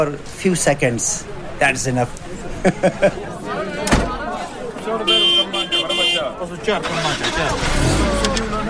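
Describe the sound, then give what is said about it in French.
Bus engines start up and rumble for departure amid a busy crowd of talking voices as people board buses parked in front of the Jamatrana, some flying the Ismaili flag, with a sharp door slam partway through and steady engine noise building toward the end. “C'est l'heure du départ.”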